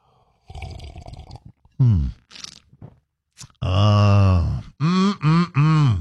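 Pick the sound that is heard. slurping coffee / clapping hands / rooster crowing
slurping coffee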